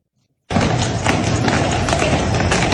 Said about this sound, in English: Budweiser, celebrating its 150th anniversary by parading its famous Clydesdales through Savannah.